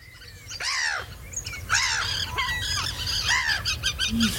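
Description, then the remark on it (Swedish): A dense chorus of birds calling at once, with overlapping harsh squawks and rising chirps repeating throughout, loud over a low rumbling background; a sample from the Swedish radio P1 Naturmorgon bird song night broadcast. “Det kvittrade och flaxade och skränade som en fullkomlig kör av fåglar vart vi än gick.”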